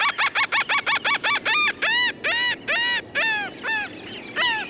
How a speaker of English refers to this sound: Coastlines almost always have some gulls, like this laughing gull.